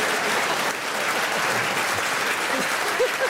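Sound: studio audience applause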